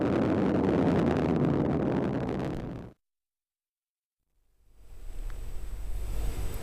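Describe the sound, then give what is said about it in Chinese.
A loud, dense roar from the first-stage engines of the Zhuque-3 Y2 carrier rocket fills the first three seconds during its vertical landing at the Dongfeng commercial spaceflight innovation test zone. It cuts abruptly to silence, then a lower rumbling roar fades back in with a faint steady whine. No voices are present. “再入时先点火三台减速，那再关闭，让火箭进入滑行段，落地前大约40秒再次启动这三台发动机，二次制动约20秒，然后只保持中间这一台发动机持续的工作，完成垂直着陆的最后动作。”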